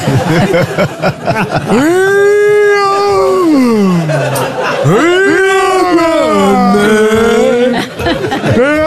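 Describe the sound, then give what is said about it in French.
A dog howls twice in long, wavering notes, the first sliding downward and the second rising and holding, loud over a steady murmur of crowd chatter. “Ah, j'ai mis de chien.”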